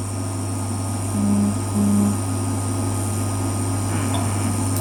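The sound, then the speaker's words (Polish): An electric cooktop at maximum power, with a pot on it, gives off a steady, continuous hiss over a constant low hum, with two short tonal pulses partway through, and no one speaks. “Syczy przez cały czas.”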